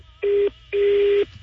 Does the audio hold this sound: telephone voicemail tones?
yes